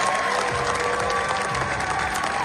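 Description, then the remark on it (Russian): Sustained applause from a large audience, a dense steady roar of clapping hands with faint cheering mixed in, loud and continuous throughout: a 15-minute ovation at the Cannes Film Festival premiere of the film "La Bola Negra" by Spanish directors Javier Calvo and Javier Ambrossi. “Новый фильм испанских режиссеров Хавьера Кальво и Хавьера Амбросио «Ла Бола Негра» срывают 15 минут оваций на премьере на Каннском фестивале во Франции.”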